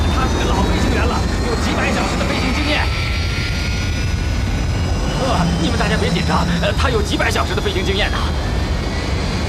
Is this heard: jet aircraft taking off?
yes